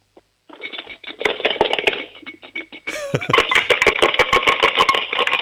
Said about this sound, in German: Hast du eine Sparbüchse? Ja. Dann hol mal die Sparbüchse und schüttel sie mal. Ich möchte alle Münzen da drinnen hören.